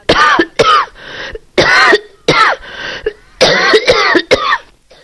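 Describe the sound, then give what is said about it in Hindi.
A man coughs in a harsh fit of about seven or eight hacking bursts, some with a raspy, throat-clearing edge, separated by short gasping pauses, after laughing and getting dust in his mouth from pushing open an old door covered in years of settled dust. No one speaks. “वो हंसा तो धूल मुंह में घुस गई और वो खांसने लगा।”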